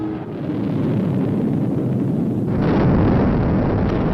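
A loud, sustained explosive roar of a rocket exploding about twenty seconds after ignition, not far from the launch site, fills the whole recording, deep and rumbling, with a fresh surge partway through that swells the blast even louder. No voices are heard.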